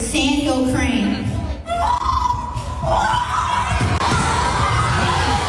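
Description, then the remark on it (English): Someone imitates a sandhill crane's call, a loud, rolling, rattly cry that rises and falls in pitch over several seconds, with a noisy crowd and excited shouting around it. “favorite, Sandhill Crane. Sounds like a dinosaur.”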